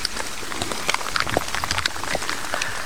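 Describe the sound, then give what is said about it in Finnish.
Light drizzle patters steadily during a relay race, easing after several hours of heavier rain, with scattered faint droplet ticks over a soft continuous hiss; no voices, just the gentle outdoor wash of fine rain. “Vähän vielä vettä vihmoa täällä Venlojen viestissä. Vesisade, se on ehkä hienokseltaan laantunut, mutta toki nyt useamman tunnin vettä reilummin tuli, niin on aika paljon.”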